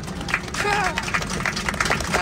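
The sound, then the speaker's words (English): A smattering of applause: scattered, uneven claps from a small crowd, with a low murmur of voices underneath and a brief tonal whoop partway through. “That's a smattering of applause.”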